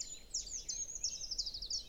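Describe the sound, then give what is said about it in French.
A treecreeper's thin, very high-pitched call: a quick series of sharp, sibilant notes trilling together, fairly faint and heard alone with no voices. “Des grimperons.”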